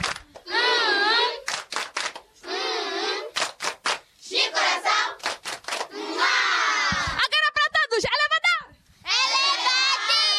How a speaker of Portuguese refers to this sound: Todos estão de parabéns. Palmas carinhosas.